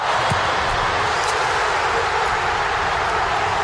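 A stadium crowd of Croatian fans roars in celebration of Ante Budimir's 54th-minute goal for Croatia against Panama, a loud, steady wash of cheering voices that holds without break for several seconds, with no one speaking over it.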